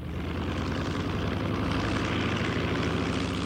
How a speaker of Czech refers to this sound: Letadlo se čtyřlístkem se vyhouplo nad mraky.